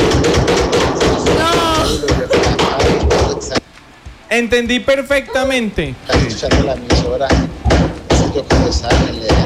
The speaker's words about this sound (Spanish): Ey, si dejamos de darle al martillo.